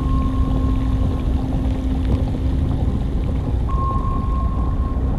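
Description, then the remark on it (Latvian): A submarine submerging into the ocean: a loud, steady rumble of engines and rushing water with a constant mechanical hum and a thin whine running through it, unbroken, no voices. “Zemūdene iegrimst okeānā.”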